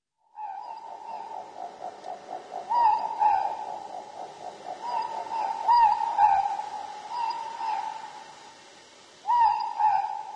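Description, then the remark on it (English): A morepork (ruru) owl calls repeatedly, played on RNZ's Little Bird Song slot before the news, its two-note hoots rising and falling in a steady rhythm, clear against a quiet night background with no talking. “The Ruru, the Moorpork.”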